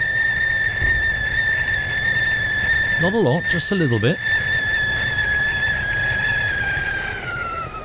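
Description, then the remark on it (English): A kettle whistles with a steady, piercing high tone that holds for the whole stretch, while someone briefly speaks over it partway through. “Oh, let's put the kettle on.”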